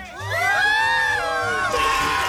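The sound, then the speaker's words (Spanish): A loud crowd cheers and shouts together for about two seconds, a dense roar of voices with high whoops rising and falling over it, steady and sustained throughout. “Me regalan una bulla bien fuerte.”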